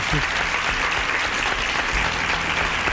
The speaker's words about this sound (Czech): Ano, je to tak. Potlesk pro vás.